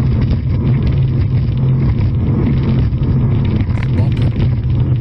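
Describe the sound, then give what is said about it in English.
A racing boat engine roars loudly as the driver works the throttle, a steady, throaty drone with wind rushing across the microphone throughout. “Whoa, what is he doing with that throttle? There you go. Now I think there were some boats that were all racing over there.”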